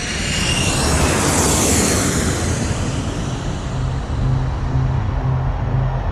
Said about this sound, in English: And those remotely piloted vehicles, those drones flying high above the thick rainforest canopies of Vietnam, became known as the Lightning Bug. The Ryan Firebee drone, otherwise known as the Lightning Bug.